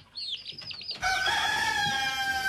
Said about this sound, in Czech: Kokoš, pjetao, pile. Kokodakati, kukurikati, pijukati.